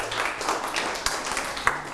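A short, soft round of group applause in a classroom, students clapping for a classmate who answered a question, a dense patter of clapping that thins out into a few sharper single claps before fading.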